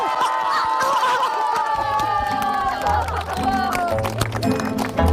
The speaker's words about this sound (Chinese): 支持李丁队的， 请鼓掌。